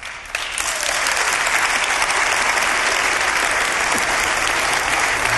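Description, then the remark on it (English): A large crowd claps steadily in applause dedicated to the Lord, the applause swelling quickly in the first half second and then holding as a dense, even wash of handclaps with no voices standing out. “Oh Lord, as always, that applause is for you because you are the one who has come to be crowned King of Kings and Lord of Lords.”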